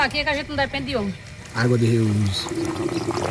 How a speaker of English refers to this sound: just turned on the pump, and the gray water is now being conducted throughout the property to water the fruit trees and also a plantation of palma cactuses she uses to feed the animals. Water is slowly trickling out of black rubber hoses